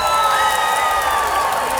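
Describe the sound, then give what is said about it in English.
An audience cheers and whoops loudly and continuously in reaction to a retirement-village singing group's first public performance, a dense wash of excited voices and shouts sustained at a steady level throughout, with no single speaker standing out. “The reaction was absolutely phenomenal.”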